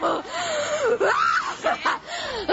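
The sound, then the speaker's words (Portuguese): A person screams and wails in long, wavering cries that rise and fall sharply in pitch, loud, with strained breathy bursts between them and no talking, during a deliverance prayer. “Grita queima ele, já gritou outra aqui, grita queima ele.”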